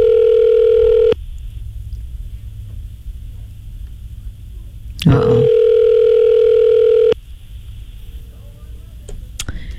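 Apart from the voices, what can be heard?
telephone call ringing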